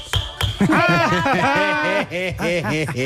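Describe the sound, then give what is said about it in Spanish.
A toy judge's gavel bangs as the intro to Ana Morgade's section about children: two quick sharp knocks, then a fast run of loud, squeaky, pitch-bending toots with each strike, repeating steadily for a few seconds. “Claro que sí, es el martillo del juicio y el martillo de perderlo.”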